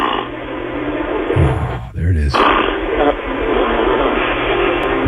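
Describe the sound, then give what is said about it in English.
A man snoring: two low, rough, rumbling snorts in quick succession, set against a steady wash of hiss and background noise with a thin, muffled, telephone-like quality. The snorer is an overweight man in his 60s in Minnesota, carried live on Fox Sports Radio. “You're listening to our live coverage here on Fox Sports Radio of a overweight man in his 60s snoring in Minnesota.”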